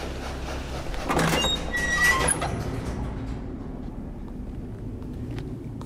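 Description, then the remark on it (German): A train rumbles, with high metallic squeals of brakes or wheels in the first couple of seconds before settling into a steady low, rolling drone. “Dieser Zug sollte das Gold enthalten.”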